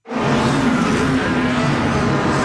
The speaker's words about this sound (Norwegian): Det er lyden av verdens raskeste Formel 1-biler.